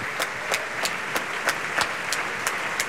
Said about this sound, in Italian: Gli applausi, applaude evidentemente anche l'orchestra.